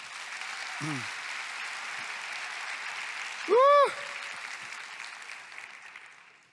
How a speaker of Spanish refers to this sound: Aplausos al Señor.